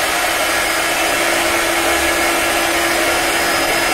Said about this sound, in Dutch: Sorry, het was een haardroger.